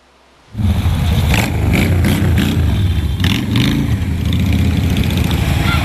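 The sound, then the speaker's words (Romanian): Powerful motorcycle engines start up abruptly and keep running loudly and steadily, a dense low rumble with revving swells, continuous with no voices, at a motorcycle club's charity festival for children in Băiuț, Maramureș County, Romania. “Durii pe două roți le-au făcut copiilor desene pe față, s-au jucat cu ei și le-au arătat motocicletele cu mulți cai putere.”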